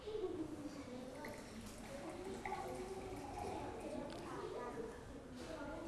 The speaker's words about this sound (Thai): เรียบร้อยใช่ไหมคะซึ่งจะเห็นได้ว่าเพื่อนเทน้ำได้ถูกต้องไหมคะถูกต้องซึ่งแก้วใบที่1สามารถบอกได้ว่ามีปริมาตรน้ำเป็นอย่างไรลูก